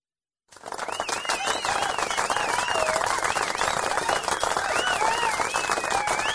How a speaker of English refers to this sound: A little delay reaction there, maybe? Somebody had to turn the applause light on for our studio audience. That's what happened there.